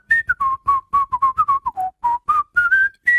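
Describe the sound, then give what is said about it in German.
A person whistles a lively tune, a quick string of short clear notes rising and falling in pitch, with no talking. “Das war gepfiffen.”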